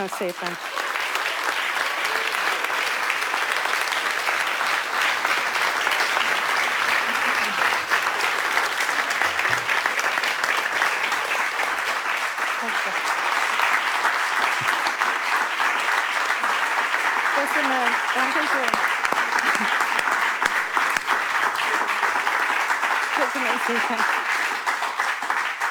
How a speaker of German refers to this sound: Viel Applaus für